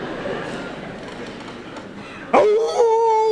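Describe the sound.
After a couple of seconds of muffled background noise, a man, asked how a jackal howls, abruptly lets out a loud imitation of a jackal howl, sweeping sharply upward in pitch and then holding a wavering, sustained high note to the end.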